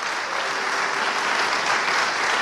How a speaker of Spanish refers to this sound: Denle un aplauso al Señor Jesucristo, hermano. Denle un aplauso al Señor Jesucristo.